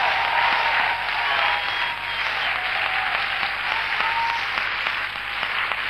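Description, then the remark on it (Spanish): An audience breaks into loud, sustained applause, a dense wash of many hands clapping at once that holds steady without letting up, with no voices standing out. “Dale el aplauso más grande que diste en tu vida.”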